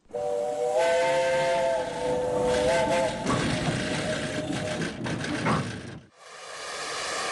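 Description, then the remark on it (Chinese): A steam train whistle sounds loudly for about three seconds over a steady rushing hiss of steam at Liuyuan railway station in Gansu, China, the hiss continuing strongly before cutting off, followed by quieter background noise. “经过三天的旅程，程子妍他们到了甘肃柳园火车站。”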